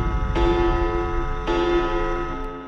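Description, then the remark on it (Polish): A deep clock bell strikes twice as a clock strikes midnight, about a second apart, each toll ringing out with a long, rich resonance that overlaps the next. Loud, with no voices. “W sobotnią noc, gdy zegar wybije północ.”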